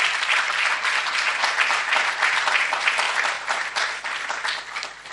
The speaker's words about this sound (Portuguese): Pelo que peço uma salva de palmas a estas mulheres moçambicanas.